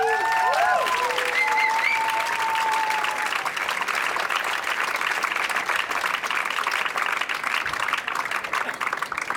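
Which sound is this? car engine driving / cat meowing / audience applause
audience applause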